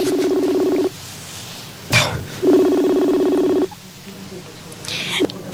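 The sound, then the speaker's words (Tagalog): Two long, steady electronic phone tones from a cellphone as someone places a call, each lasting about a second with a short pause between, plus brief clicks and rustling handling noises in the gaps. “Tawagan ko siya. Kagabay pa nga Sabto niya ang tawag ko. Oh, ang cellphone ko.”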